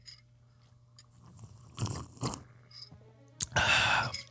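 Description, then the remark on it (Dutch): Slurping of coffee: two short, soft airy sips, then a louder, longer slurp near the end, over a faint steady hum with no talking. “Doe je daar een slurpje toe, hè? Onderbreek hoor je dat slurpje.”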